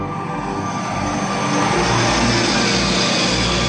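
A helicopter's engine roars steadily with a rumbling rotor underneath, growing slightly louder partway through as it seems to draw nearer. No voices are heard.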